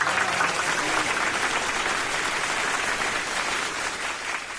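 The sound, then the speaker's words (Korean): A crowd breaks into sustained applause, dense clapping holding steady and loud throughout before easing slightly near the end. “박수갈채가 또다시 터졌다.”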